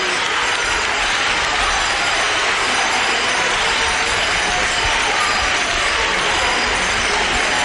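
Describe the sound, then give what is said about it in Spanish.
A crowd in Lepe applauds, cheers, cries and shouts 'vivas' for the image of the Virgen de la Bella at the parish of Santo Domingo de Guzmán, a dense, continuous roar of clapping and voices that never lets up, with small bells jingling in the mix. “ahí escuchamos ahora esos aplausos, esos llantos, esos vivas, esas campanillas sonando, ese momento en el que solo las miradas están puestas en ella, están puestas solamente en ella.”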